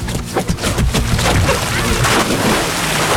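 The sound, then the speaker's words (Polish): On a hot day, a person takes a running jump into Lake Leśniańskie, by Czocha Castle in Poland, with a loud splash, followed by churning, sloshing water and gusty outdoor wind noise across the microphone. “No to rozpędzaj się, a ja nagrywam twój Dawaj wielki wody. Plusk!”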